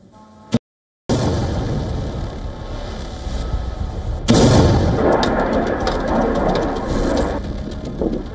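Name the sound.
explosions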